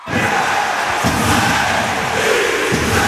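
An ice hockey crowd in the Podmežakla arena in Jesenice roars and cheers continuously at a steady loud level, a dense wash of many voices with rising swells and some low thumping underneath.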